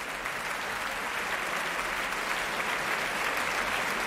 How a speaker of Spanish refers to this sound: Era la interpretación de Lina González Granados al frente de la Orquesta Nacional de España, que ahora puestos en pie reciben esta ovación que estamos escuchando aquí en directo desde la Sala Sinfónica del Auditorio Nacional de Música en Madrid.